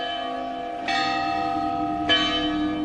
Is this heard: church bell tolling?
yes